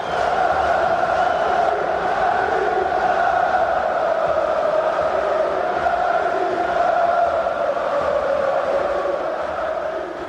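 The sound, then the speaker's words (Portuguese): About 4,000 Benfica fans celebrate in the stands at San Siro after the final whistle of Benfica's historic first-ever win over AC Milan: a dense, steady roar of many voices with a sung, chant-like swell that stays loud and unbroken throughout. “O som da festa nas bancadas de San Siro.”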